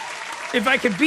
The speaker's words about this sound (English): Yeah, that kid's 16-year-old, so I didn't have the bandage to be back in there. Cool points for that kid. Round of applause.